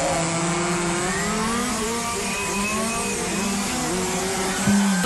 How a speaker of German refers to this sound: Verein AMC Hamm wird von Freitag bis Sonntag nämlich die offene deutsche Meisterschaft 2026 ausgetragen. Heißt, ganz viele funkferngesteuerte Modellfahrzeuge treten da auf der Rennstrecke gegeneinander an.